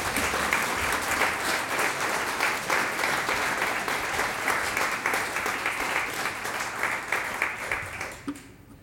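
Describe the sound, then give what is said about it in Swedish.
Sustained audience applause at Skeppet for the Neo Quartet, a string quartet, on a Polish evening: a dense wash of many hands clapping at steady loudness for about eight seconds before tapering off abruptly at the end. “Det här är en stråkkvartett och de heter Neo Quartet. En applåd för dem.”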